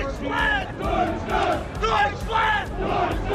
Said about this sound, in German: Top! Also, Fangesänge 1+ mit Sternchen.